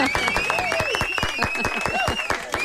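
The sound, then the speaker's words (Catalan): A burst of steady applause from a small studio audience welcoming a new young journalist to the programme, many hands clapping in a dense, continuous patter with a few whoops and cheers rising over it. “ha fitxat per aquest programa. Un aplaudiment.”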